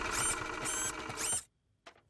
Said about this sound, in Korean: 그런 다음 프린터로 뽑는 거야. 페퍼, 너도 한 장 뽑아줄게.